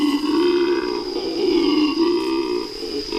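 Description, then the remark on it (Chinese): A male howler monkey, whose special resonating chamber amplifies its call, lets out a deep, sustained guttural roar, rough and resonant, rising and falling in waves for a few seconds without pause, loud and steady with no talking. Its call can carry 5,000 meters. “雄性吼猴拥有特殊的共鸣腔，可以放大叫声。”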